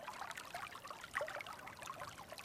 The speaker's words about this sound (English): He's also recorded the sounds of water running in California, in Morocco, as we're hearing now, and close to Chernobyl in Ukraine.